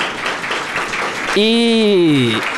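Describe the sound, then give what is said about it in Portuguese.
A crowd in a plenary chamber at a public hearing applauds the speaker's mother, a steady wash of clapping that continues as a single voice calls out loudly over it near the end. “Ela está aqui no plenário, inclusive eu gostaria de uma salva de palmas para ela.”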